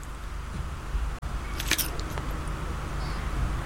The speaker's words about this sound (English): That was a crunching bit. The initial crack is quite important, I suppose. The initial crack.